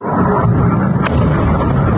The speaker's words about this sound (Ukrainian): Це перші хвилини після влучання російської ракети. Вночі на 6 липня на складі, куди поцілили окупанти, починають вибухати боєприпаси.